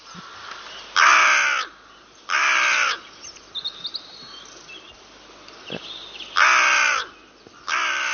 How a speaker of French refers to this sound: Donc, je pense qu'ici, tout le monde a reconnu notre chère corneille noire.